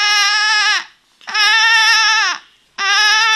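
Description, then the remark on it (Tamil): A voice imitates a lamb bleating in three sustained, wavering cries, each loud, separated by short pauses, with a quavering high pitch, performed by school students as part of a mimicry act of animal sounds. “பேர் ஆட்டுக்குட்டி.”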